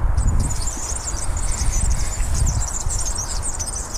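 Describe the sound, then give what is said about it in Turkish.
Rapid, scratchy high-pitched squeaks repeat without pause, like an unoiled bicycle chain turning, most likely a bird's call, over a steady low rumble. “Gerçekten yağlanmamış bisiklet zinciri sesi.”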